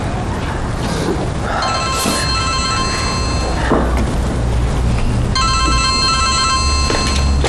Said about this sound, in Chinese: 接个妈电话。哎妈。